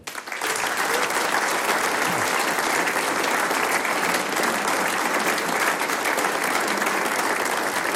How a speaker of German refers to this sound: Natürlich gibt's auch für alle Mitwirkenden noch einen Applaus.